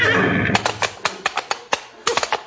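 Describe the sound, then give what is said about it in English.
A horse gives a short, shrill whinny, then hooves pound in a quick, uneven gallop, a series of sharp thuds as it charges toward a man. “Look out for that horse, boss. He's coming for you.”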